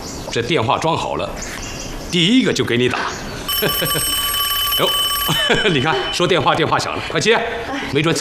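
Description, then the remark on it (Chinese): A telephone rings with a steady, bright bell tone for about two seconds in the middle, fairly loud, while people talk before, during and after it. “哟，你看，说电话，电话响了，快接”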